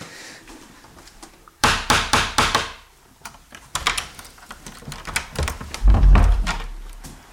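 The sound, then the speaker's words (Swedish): A small metal door knocker on the door out of a room meant for meditation and silence raps sharply several times in a quick burst, followed by scattered softer clicks and a dull thud as the door opens. “Så innan man går ut genom den här dörren så ska man knacka då via den här lilla dörrknackaren för att man inte ska överrumpla den som sitter där ute.”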